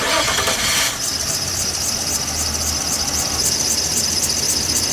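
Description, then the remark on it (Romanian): A car engine cranks over and over without catching, a steady rhythmic whirring and squealing starter sound, fairly loud, after a brief burst of noise at the start. “Of, te-a găsat mașina din nou.”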